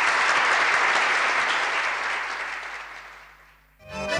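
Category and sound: crowd, applause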